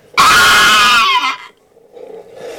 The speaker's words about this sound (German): Auf einmal hörten wir einen markerschütternden Schrei des Drachens.